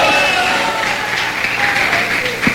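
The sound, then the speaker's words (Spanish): A large group claps steadily in a dense, continuous wash of applause given to Jehovah (God) at a church service, with faint voices mixed in underneath. “Ese aplauso para Jehová puede ser más fuerte, hermano, porque vale la pena que usted le alabe.”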